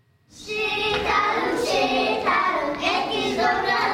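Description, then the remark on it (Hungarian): A crowd breaks into sustained, dense applause for performances at the closing show of a five-day folk dance and folk music camp; it starts abruptly and stays loud and steady throughout, with a faint tonal layer of voices or music mixed beneath the clapping. “A záróműsoron egymást követték a gyermekjátékok, a néptáncosok, a citeránsok, a vonós zenészek és a népdalénekesek, akik nagy tapssal jutalmazott produkciókkal mutatták be mindazt, amit a tábor 5 napja alatt elsajátítottak.”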